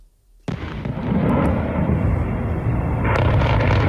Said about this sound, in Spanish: Es el sonido difundido por cuentas de seguimiento del conflicto en redes. Periodistas de la agencia AFP y Reuters han escuchado más de una decena de fuertes explosiones en la capital ucraniana después de que se activara una alerta por misiles